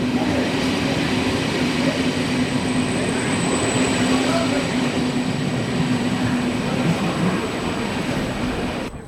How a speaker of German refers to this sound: Ich bin hier in Konstanz am Bahnhof